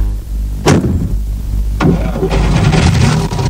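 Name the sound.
car engine starting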